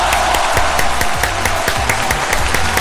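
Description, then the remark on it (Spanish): A steady burst of applause from many hands for the listeners of Radio Carnaval in Antofagasta, dense and loud, with rapid overlapping claps that fill the whole few seconds, and a faint low hum beneath. “Así que un aplauso para ustedes por preferir la Radio Carnaval de Antofagasta.”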